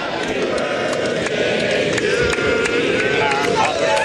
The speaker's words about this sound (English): So the birthday serenade from the gallery there. World number one Scottie Scheffler is underway on his 30th birthday.